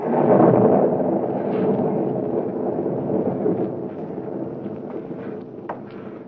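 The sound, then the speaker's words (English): A long, rolling rumble of thunder on a stormy night at the former hideout of Professor Horn in Illinois, in the radio drama Counter Spy, loudest at the start and then grumbling on steadily at a slightly lower level, with no voices. “That thunder.”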